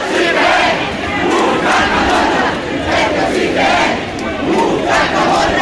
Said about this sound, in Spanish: A las 6 de la tarde, desde las Arrodeas, bajó el Cascamorras hacia el centro de la ciudad bastetana, rodeado, coreado y vitoreado por miles de personas y, por supuesto, también manchado de pintura negra.